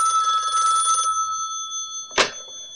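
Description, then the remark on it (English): A telephone rings once, a bright, buzzing trill lasting about a second, with a faint tone lingering afterward before a short, sharp clack near the end. No one speaks. “Hey, man, I told you to use my pager only. No phone calls, remember?”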